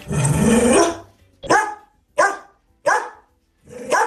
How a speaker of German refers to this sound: Das ist Cora, wenn sie in Nüstal bellt.